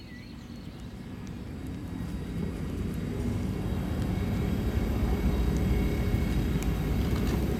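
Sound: trains arriving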